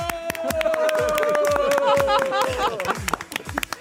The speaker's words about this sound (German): Applaus von euch selber an euch selber, ja?